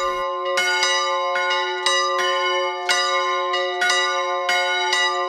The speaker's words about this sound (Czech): Svatební zvony se na kostelní věži v Hostinném rozezněly